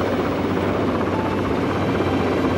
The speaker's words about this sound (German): Dort kannst du landen. Geh langsam runter. Der Hubschrauber dreht in Zoes Richtung.